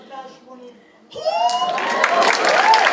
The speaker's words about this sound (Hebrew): איפה כפיים? יותר כפיים